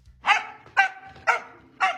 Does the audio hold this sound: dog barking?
yes